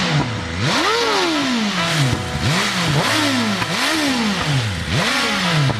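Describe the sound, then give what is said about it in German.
A motorcycle engine revs hard over and over, its pitch sweeping up and dropping back in a steady rhythm of about four loud throttle blips, with a rough, clattering roar and no voices. “Aber das vibriert doch ganz schön, oder? Ja, muss vibrieren.”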